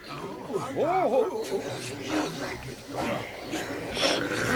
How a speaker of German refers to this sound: Aber es starren sowieso alle auf die Bühne, scharren ungeduldig mit den Tatzen und schnaufen erwartungsvoll. Einem Babydrachen entfährt sogar ein kleiner Pups vor Aufregung.